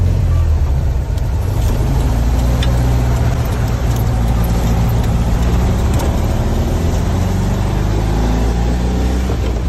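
A Volkswagen Beetle engine hums steadily, a low, throaty air-cooled drone with rising and falling tones as it revs, loud and continuous for the whole stretch with no voices.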